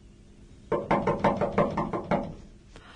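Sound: knocking on a door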